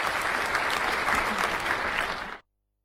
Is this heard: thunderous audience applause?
yes